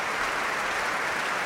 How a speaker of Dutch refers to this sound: En daar is het applaus voor Duncan Ward.